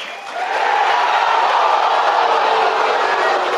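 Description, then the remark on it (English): A baseball stadium crowd roars in reaction to David Hagen's 1-2 pitch, a loud, broad, steady wash of noise that swells within the first half second and holds at full volume. No one speaks over it. “If you couldn't tell by the crowd.”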